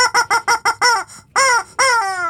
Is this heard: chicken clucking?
yes